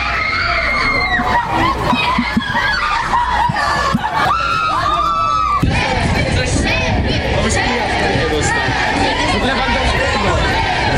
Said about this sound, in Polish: Na biało-czerwonych czekał tłum kibiców, a największe emocje wzbudzał oczywiście nasz kapitan Robert Lewandowski.